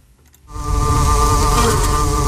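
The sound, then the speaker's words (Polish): A dense, steady hum of many bees buzzing together inside a hive of the Poznań University of Technology, heard live at 8 in the morning as the bees work, droning loud after a brief quiet start, with a thick low rumble and layered tonal whine. “Ale można też posłuchać tego, co się dzieje w środku ula.”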